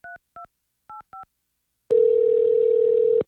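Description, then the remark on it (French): Radio station Rythme 97.1 in Gatineau phones a contest finalist: four short touch-tone beeps of a telephone being dialed, in two quick pairs, followed by a loud, steady telephone tone that holds for over a second. No one speaks. “On va faire un petit téléphone.”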